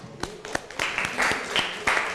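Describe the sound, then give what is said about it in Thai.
A few scattered claps quickly swell into steady audience applause for group 4, a dense, moderately loud crackle of many hands that carries on for about two seconds, with faint voices mixed in. “ค่ะขอเสียงปรบมือให้กับกลุ่มที่4ของเราด้วยนะคะ”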